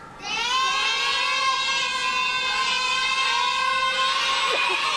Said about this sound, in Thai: หมายเลข7โอ้กองเชียร์ประสานเสียงกันมาเหมือนนัดกันมากเลยเลขพร้อมเพรียงกันมากเลยค่ะ